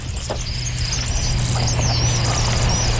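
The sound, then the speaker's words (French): A common kingfisher's thin, very high-pitched whistles come in faint, brief bursts over a steady low engine-like hum; no one speaks. “C'est comme un sifflement très aigu.”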